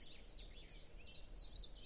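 A thin, very high-pitched bird call from a treecreeper, a run of rapid sibilant notes that rise and fall, fairly faint against quiet background, with no voices.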